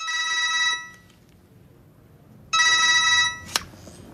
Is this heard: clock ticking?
no